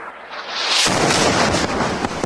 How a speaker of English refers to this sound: A news reporter from Hezbollah's Al-Manar TV is at a location in Nabatea, Lebanon, Sunday, holding a microphone when suddenly there's an explosion and the signal is lost.